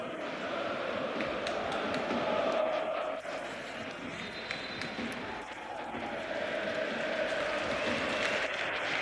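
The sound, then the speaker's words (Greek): A large football crowd at the Georgios Karaiskakis stadium applauds player Gonzalez as he is substituted off, a dense, continuous wash of clapping and crowd noise that holds at a loud, even level for the whole stretch. “Έξω ο Γκονζάλες, ο οποίος χειροκροτείται από όλο τον Γεώργιο Καραϊσκάκη, και στη θέση του μπαίνει ο Ρόμαν Γιάρεμτσουκ στην επιστροφή του.”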